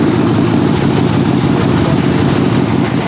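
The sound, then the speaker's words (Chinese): A motorcycle that has just been fitted with a new German part idles steadily and loudly, a continuous low rumble with a rough, even churn that holds unchanged throughout, with no voices over it. “这会儿辆摩托车刚换了个德国零件。”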